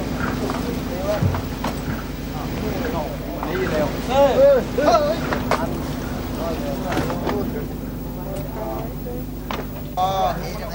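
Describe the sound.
A steady boat engine drones beneath busy, overlapping voices of people calling out, with scattered knocks and clatters of gear, as fishing boats unload fish, mostly mackerel, at a busy fish landing pier beside Khao Mong Rai in March.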